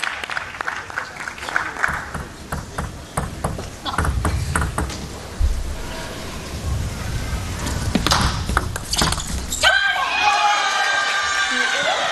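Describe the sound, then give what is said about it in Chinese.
A long, multi-shot table tennis rally in a match involving Hina Hayata: a rapid, irregular series of sharp ball clicks over crowd noise and voices, ending in a loud burst of applause and cheering. “是的，这种多板数的比拼啊，尤其是这种士气球上，王文玉总是能够赢下来，其实也是提振自己的这种士气。”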